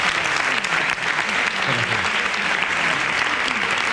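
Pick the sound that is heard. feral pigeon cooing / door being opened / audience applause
audience applause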